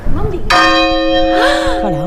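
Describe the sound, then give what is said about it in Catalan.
One loud strike of the old Caterina church bell, cast in 1305, in the Micalet bell tower, rung live. It rings out and hums on with a long, shimmering decay, while voices talk just before the strike and over the fading tone. “Acabem d'escoltar en directe la Caterina hacia el Micalet.”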